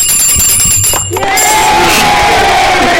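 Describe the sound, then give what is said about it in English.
A loud, steady burst of quiz-show audience cheering and clapping for a caller who answered correctly fills the whole three seconds, with high ringing tones running through the crowd noise. “We'll give you a clap for the show.”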